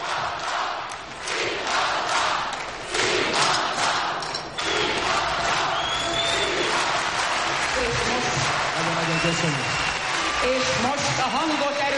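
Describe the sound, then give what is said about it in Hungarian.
A large arena audience roars and shouts continuously, a dense wall of cheering voices with scattered whistles and yells rising above it, loud and sustained throughout. “Tessék csak figyelni, hogy hogy zúg az aréna, zúg, üvölt a közönség.”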